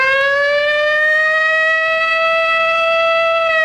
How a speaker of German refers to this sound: Auf einmal ging hier dieser Feueralarm los, diese Sirene, die wir alle vom bundesweiten Warntest kennen.